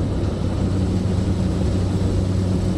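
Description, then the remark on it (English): A steady, droning airplane engine hums continuously while flying high above the Arctic coastline, heavy in the low end with a constant rumbling tone and no breaks or changes in loudness. “Flying high above the Arctic coastline, there's more water below than land.”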